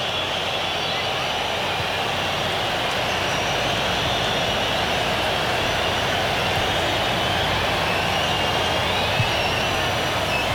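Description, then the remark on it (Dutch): A large football stadium crowd at a Chivas match whistles in a steady, sustained roar, thin shrill tones drifting above a dense wash of noise that holds at an even, loud level throughout. “Het gefluit zwelt weer aan. Ze willen dat er toch wat gebeurt.”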